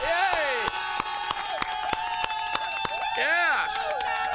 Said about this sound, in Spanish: ¡Yeah, un aplauso!